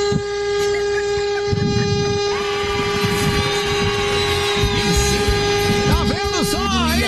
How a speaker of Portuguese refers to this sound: Buzina aí, meu filho. Não estou dirigindo, não, mas vê se essa buzina funciona.